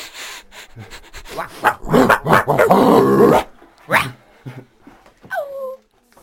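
Dogs growl and bark up close in loud, rough bursts, building to a sustained snarling growl mid-way, then a sharp yelp and a short whine near the end. No one speaks.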